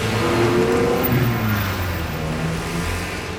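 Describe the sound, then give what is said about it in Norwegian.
A car engine revs loudly and steadily, its droning pitch sliding down and then rising again, with a continuous rumble and no voices. “Lukten av eksos fra biler med blybensin blir den nye bylukten.”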